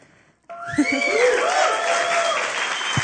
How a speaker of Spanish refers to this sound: Muchísimas gracias por hacerse presentes con su aplauso, con su energía, a otro encuentro sonoro y experiencia sonora.